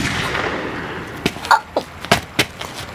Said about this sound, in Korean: 뭐야? 언니, 총소리 났지? 누가 총 쐈나 봐.